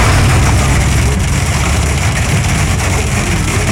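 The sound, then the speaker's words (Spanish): Hail hammers a car body in a dense, unbroken rattle of countless tiny impacts, loud and steady throughout, over a deep low rumble. “Está cayendo en el carro. En el carro se siente más la granizada.”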